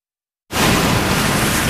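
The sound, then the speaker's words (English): Loud, full rush of surging ocean water that bursts in after a moment of silence and keeps roaring steadily and densely, with no voices. “Ocean, sea, or raging water, I'm reminded that God is already speaking to us, to me.”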